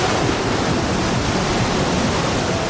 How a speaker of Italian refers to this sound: Sul pier di Santa Monica, accarezzato dalle onde